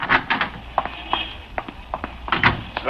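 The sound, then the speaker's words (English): A door is opened and shut, with a scattered series of sharp wooden knocks and rattles over a few seconds, moderately loud, with no one talking. “Come on, Killer, let's get out of this door.”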